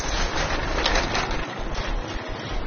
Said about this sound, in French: Les oiseaux luttent avec les circulations.